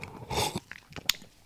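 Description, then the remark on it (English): A brief slurping sip of cold latte, with no milk or ice, lasting under half a second, followed by a few soft mouth clicks and a quick swallow, with no talking. “Let's have a sip with this iced latte.”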